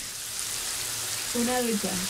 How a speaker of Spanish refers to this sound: Una ducha. Tenía apagado el micrófono. ¿Escuchas la ducha? Sí. No te duches delante de nosotros, por favor. Voy a apagarla, espere. Ya la apago.